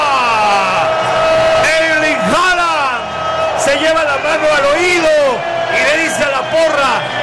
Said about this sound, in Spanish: Escucho el grito de la porra ensordecedor en el estadio de New Jersey. Noruega, Haaland está metiendo el tercero.